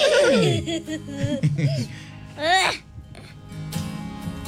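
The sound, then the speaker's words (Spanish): A person imitates a horse's neigh, a loud, quavering whinny that slides down in pitch, followed by breathy, laugh-like vocal bursts and a brief rising squeal. “¿Cómo hace el caballo?”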